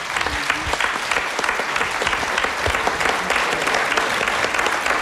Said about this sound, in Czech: velký potlesk, děkujeme ti.